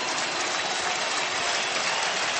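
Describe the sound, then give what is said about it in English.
A baseball stadium crowd of more than 40,000 rises to its feet, roaring and applauding for pitcher David Bednar in the top of the eighth inning of a Yankees game, a dense, steady wash of noise that holds at a loud level throughout, with no voices standing out. “The crowd tonight of better than 40,000 rises to their feet in support of David Bednar, trying to urge him to a third out in the top of the eighth inning.”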